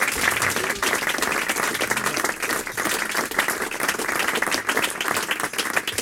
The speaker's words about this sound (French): Voilà, et nous arrivons à la fin de ce concert. Donc, merci d'applaudir